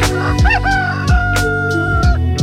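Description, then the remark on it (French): A rooster crows once in a long, drawn-out, loud call while rhythmic thumping beats sound underneath. No one speaks. “Mais attendez, un coq ?”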